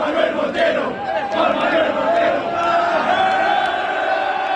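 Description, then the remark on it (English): A large stadium crowd of soccer fans at a World Cup game in Arlington, Texas chants a fellow Argentinian fan's name in unison at the end of the game, loud and sustained, with a steady rhythmic beat of voices and occasional sharp accents running through the chant. “An Argentinian fan lost his wallet at Saturday night's game in Arlington, Texas, but fellow fans helped him get it back, chanting his name in the crowd at the end of the game.”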